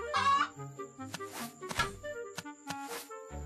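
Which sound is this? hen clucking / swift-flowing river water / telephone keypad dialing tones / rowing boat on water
hen clucking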